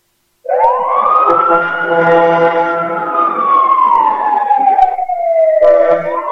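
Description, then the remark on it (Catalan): An emergency vehicle siren wails loudly, its pitch sweeping up and then gliding slowly down in one long rise and fall, with a second siren tone starting near the end, played as a message sent by an emergency vehicles group. No one speaks. “A veure, crec que tenim un missatge que ens ha enviat el grup de vehicles d'emergència, perquè aneu a veure'ls.”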